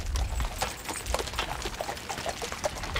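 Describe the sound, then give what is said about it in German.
Hooves of cold-blooded draft horses pulling three carriages clip-clop in an uneven, overlapping rhythm as they cross the seabed at low tide from Nordstrand to the Hallig Südfall, each beat a sharp knock over a steady wet, splashing wash of noise. No one speaks. “Manchmal geht es, so wie heute, sogar mit 3 Kutschen gleichzeitig los.”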